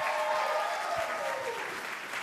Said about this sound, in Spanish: Continuamos en esta transmisión especial desde la Escuela Superior de Tlahuelilpan y los ánimos y el ambiente se sigue sintiendo de mucha energía. Por favor, que se escuchen fuerte los aplausos para esta transmisión especial.